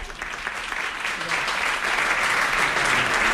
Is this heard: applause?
yes